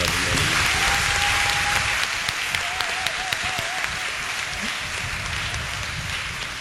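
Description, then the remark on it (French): A crowd applauds children steadily, a dense, even clatter of many hands clapping without pause, with a faint whistle-like tone rising briefly above it. “Alors, il faut applaudir ces enfants.”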